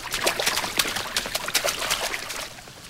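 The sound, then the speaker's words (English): Water runs and splashes steadily from overflowing sink faucets in a girls' bathroom, a continuous trickling stream with bright irregular spatters, moderately loud, easing off slightly toward the end. No voices. “In the girls' bathroom, sinks overflow from running faucets.”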